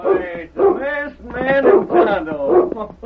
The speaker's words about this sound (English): Down, boy, down. Every time he sees you two fellas, he wants to bark his fool head off.